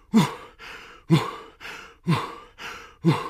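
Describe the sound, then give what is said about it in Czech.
Loud, heavy huffing and puffing, a voice imitating the laboured breathing of someone running around the zoo in the evening: six rhythmic breaths in quick succession, strong grunting exhales alternating with softer, breathy inhales, with no talking. “A jak tak jdou na ten večerníček, uslyší všichni nějaké hrozné funění.”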